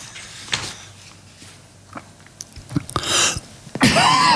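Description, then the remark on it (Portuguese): Someone coughs and clears their throat several times in short, harsh bursts into the microphone during a broadcast on Rádio Antena Portuguesa, building to a couple of heavier, drawn-out coughs near the end. “Desculpem lá, mas um bocadinho de tosse não faz nada mal.”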